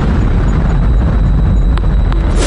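Loud, continuous booming rumble of missile explosions and air defense fire during a Russian missile attack on Kyiv, with two sharp cracks cutting through near the end. No voices.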